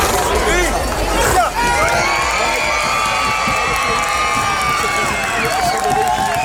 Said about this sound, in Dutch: En het is de dag voor Prinsjesdag en dat betekent op het strand van Scheveningen veel geschreeuw.